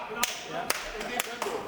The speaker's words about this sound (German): Du musst dann so klatschen.